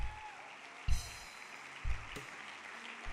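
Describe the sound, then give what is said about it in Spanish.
A church audience applauds God in a steady, dense wash of clapping that carries through the whole stretch, with a few deep thumps landing roughly once a second underneath. “Dele un aplauso a él si lo cree.”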